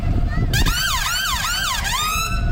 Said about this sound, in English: What noise does the fire engine make? Nino, Nino.